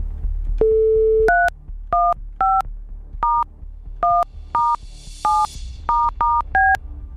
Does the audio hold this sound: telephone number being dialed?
yes